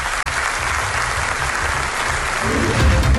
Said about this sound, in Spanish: Hoy le han recibido con aplausos.